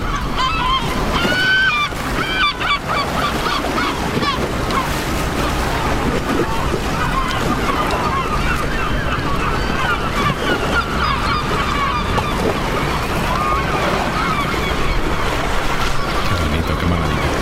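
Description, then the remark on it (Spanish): Raucous seagull calls fill the harbour of Malpica, A Coruña, Galicia, many overlapping squawks and cries, with calm water sloshing behind the breakwater and a low rumble of boats underneath throughout, as a storm builds offshore. “Aquí dentro, detrás del espigón, el agua está tranquila, las gaviotas gritan tranquilas y al fondo se está levantando un temporal.”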